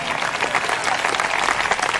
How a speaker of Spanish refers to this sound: ¿Cuántos alaban al Señor en esta hora? Denle fuerte ese aplauso al Cristo de la gloria.